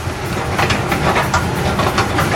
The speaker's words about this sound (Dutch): Het enige wat hier op rolletjes loopt is de roltrap. Dat kan ik ook wel even laten horen.